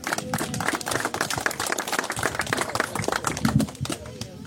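A crowd at a municipal event claps steadily for the municipal manager, a dense burst of many hands applauding, sustained for a few seconds with faint voices mixed in.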